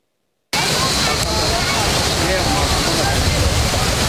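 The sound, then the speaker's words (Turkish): After a brief moment of silence, loud flowing stream water rushes in and continues as a steady, unbroken wash of noise until the end, at the Hacı Sekeliler picnic and recreation area in the Taurus Mountain foothills, Konyaaltı, Antalya, Turkey, on a hot summer day with people cooling off in the stream. “Kavurucu sıcaktan kaçanlar bu kez serinliği derenin içinde aradı.”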